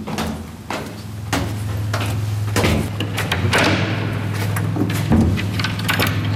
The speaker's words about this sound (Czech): otevírá dveře.